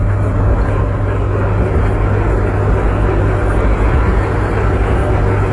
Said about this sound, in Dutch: De geluiden van de wasmachine en wasdrogen, want we gaan bijna op vakantie. Oh ja, maar het is een hele goede wasmachine en wasdroger. Ik hoor geen lagers rammelen, dat hoor je wel eens maar. Ik vind hem ook heel stil.